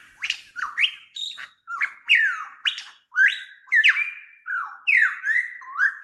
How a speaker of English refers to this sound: I've come upon a bird unabashedly, and I would say appropriately named the superb lyrebird. It's found nowhere else in the world but here in Australia.